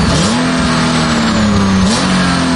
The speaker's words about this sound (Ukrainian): Двигун реве. Ця машина непроста. Під її капотом 300 конячок. Цього цілком досить, щоб показувати на трасі справжнє шоу.